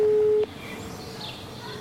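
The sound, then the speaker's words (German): A steady telephone tone sounds loudly for under half a second while a mobile number is called, then cuts off abruptly as the call is hung up, leaving only quiet background noise. “Die private war nicht vergeben und die Mobilnummer wurde aber aufgelegt zum Schluss, würde ich sagen.”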